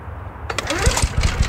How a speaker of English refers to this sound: Lawnmower struggling to make the cut?